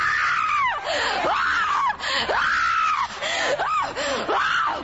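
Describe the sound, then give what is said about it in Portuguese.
An audience shouts and wails together in a loud, continuous surge, crying out to Jesus in prayer, rising and falling in overlapping arcs of fervent crying out, with no clear words. “Grita para Jesus.”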